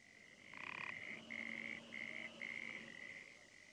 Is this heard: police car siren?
no